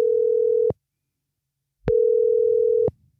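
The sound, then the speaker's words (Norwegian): A steady, single-pitched telephone ringback tone sounds twice, each burst lasting about a second with a pause between, heard clearly on an outgoing call placed by P6 Rock radio on a Friday while waiting for an answer. “og på fredag så ringte jeg altså opp”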